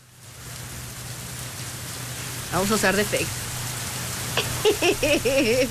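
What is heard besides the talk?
heavy rain falling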